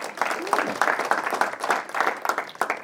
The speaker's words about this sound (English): Look, I think we can all agree. Round of applause.